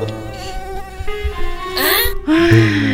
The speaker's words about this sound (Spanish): Mira, ahí está la mosca.